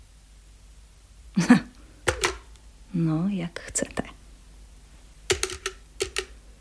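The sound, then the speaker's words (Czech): A telephone being dialed to call a taxi, but the line is dead: sharp, irregular mechanical clicks scattered throughout, fairly loud, while a person says a few brief words partway through. “Ale ono je to hluché. Telefon je hluchý, barone.”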